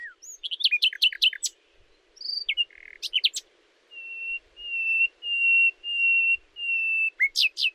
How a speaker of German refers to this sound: Ein Nachtigallmann kann bis zu 200 verschiedene Melodien trällern. Aber warum singt er eigentlich mitten in der Nacht? Ganz einfach. Er sucht eine Freundin.